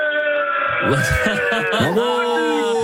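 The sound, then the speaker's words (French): A group of rugby fans shouting together for their team ahead of their match, on Europe 1 radio, loud sustained cries that waver and rise in pitch, with a brief swell near the end. “Est-ce que vous pouvez crier pour votre équipe”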